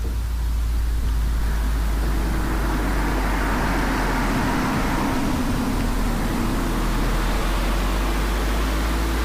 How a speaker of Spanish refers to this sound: Tráfico que pasa a la altura de la entrada del pueblo de Corres, término municipal de Arrian Maestu. 19 grados tienen en estos momentos en ese concejo de la cuadrilla de montaña alavesa.